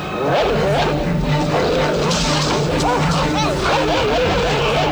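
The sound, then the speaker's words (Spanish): A pack of Rottweiler dogs growls, snarls and barks in a loud, continuous frenzy in a film scene with Gregory Peck, attacking the protagonists among graves. The overlapping animal voices form a chaotic, aggressive attack with no pause. “Y entonces, una jauría de perros Rottweiler se lanza sobre los protagonistas.”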